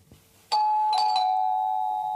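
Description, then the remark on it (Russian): A doorbell rings with a bright electronic chime: a sharp first tone, then two quick repeated strikes, leaving a steady ringing hum that slowly fades. No one speaks. “Оля в красной блузе и коричневой вельветовой юбке солнца спешит открыть дверь.”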